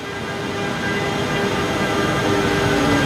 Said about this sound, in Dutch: Het is iets na vieren op een van de vele treinstations van Milaan. En daar komt de trein aan die ons van Milaan naar Brussel gaat brengen.